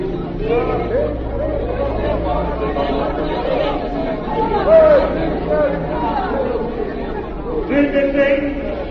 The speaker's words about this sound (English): The next day found a great crowd in the square of the capital. There were flags and shouts for peace.